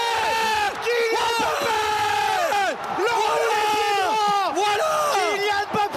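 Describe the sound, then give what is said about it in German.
A football commentator yells nonstop at full voice during a World Cup semi-final between France and Spain, his pitch climbing and cracking with excitement, while a roaring stadium crowd surges loudly underneath throughout. “Kleine Vorwarnung, es kann heute wieder passieren, dass Männer in Mikrofone schreien.”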